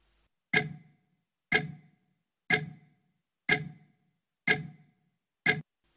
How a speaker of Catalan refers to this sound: Evidentment és el tic-tac.